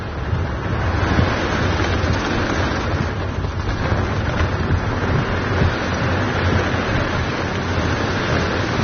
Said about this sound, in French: Voilà, on rentre dans le dur. Hein. Là, on est vraiment au cœur de l'orage. Ouais. Là, il y a la pluie, le vent, les éclairs. Là, on ne voit plus rien. Hein. Non. En plus, t'as des coups de foudre qui tombent devant.